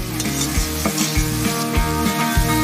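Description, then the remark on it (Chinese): Sauce sizzles and pops in a wok with a loud, steady hiss while cooking Sichuan peppercorn fish slices, with low thumps of stirring recurring every half second or so. No voices are heard. “此处酱料在锅中蹦滴，彼处脆皖鱼烙得满身麻味，两者相逢，即是滋味霸道的清一色花椒鱼片。”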